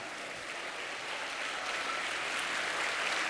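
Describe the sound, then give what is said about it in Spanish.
An audience applauds the Lord steadily, a dense wash of many hands clapping that holds an even, fairly loud level throughout, with no voices standing out above it. “De un aplauso al Señor, hermanos.”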